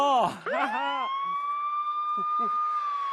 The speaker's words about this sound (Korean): 불이 나면 출동! 이건 소방차 소리!